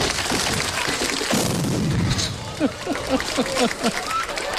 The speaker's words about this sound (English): … exploding his drum kit at the end of the song. Have a listen to the noise of the explosion.